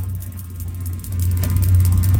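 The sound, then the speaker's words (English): Electricity crackling through a boat, coming out of its metal rod holders with sparks: a steady low electrical hum with rapid, irregular crackling and ticking on top, growing slightly louder partway through, with no voices. “There's electricity running through the boat. And this is what it sounds like.”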